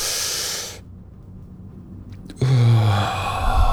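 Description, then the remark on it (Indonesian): A deep, airy inhale by a speaker with a slight cold guiding a breathing exercise, followed by a short pause and then a louder breathy sigh with a slight voiced hum as the breath is let out slowly. “Coba caranya itu tarik nafas.”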